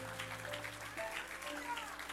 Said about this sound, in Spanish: Denle un aplauso fuerte a Jehová.